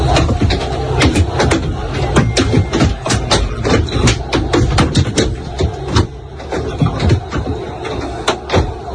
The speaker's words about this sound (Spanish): Bueno, son 8 segundos nada más, los ha facilitado el club para que vean cómo suena de dentro todo lo que le va cayendo al autobús.